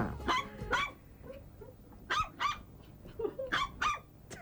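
Small dogs bark in sharp, high-pitched yaps that come in quick pairs, about six barks in three bursts. They sound close and fairly loud, with soft whines in the pauses.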